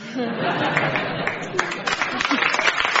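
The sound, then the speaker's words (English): Scattered, half-hearted clapping rises out of a murmuring crowd in response to a joke, with a few chuckles and chatter underneath; the claps grow slightly sharper and more frequent toward the end. “Reluctant applause”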